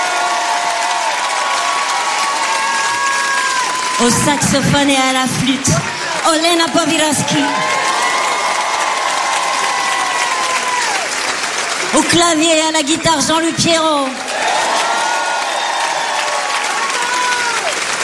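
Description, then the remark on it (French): A crowd at a live pop-rock concert broadcast on RTL2 applauds steadily and loudly throughout, with scattered cheers mixed in, while a voice speaks over the clapping in two short bursts of announcement introducing the band's musicians. “Je voudrais que vous fassiez un maximum de bruit.”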